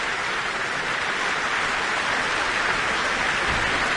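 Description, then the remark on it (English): A concert audience applauds conductor Jaime Martin in a dense, steady wash of clapping that holds at an even, fairly loud level throughout, with individual claps blurred together and no voices standing out. “And that applause is for conductor Jaime Martin.”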